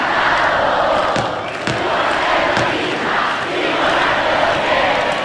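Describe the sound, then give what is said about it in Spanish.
A large concert crowd in Córdoba roars and cheers in a loud, continuous wash of voices, with occasional sharper shouts and claps rising out of the steady din. “Hacía falta demostrar que en Córdoba está el mejor público del mundo.”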